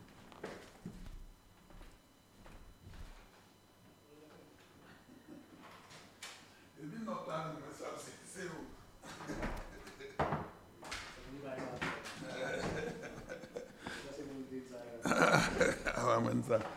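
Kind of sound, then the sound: household object, knock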